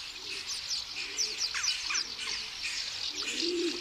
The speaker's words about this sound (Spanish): Las voces de cientos de aviones comunes rellenan el espacio vacío debajo de un puente.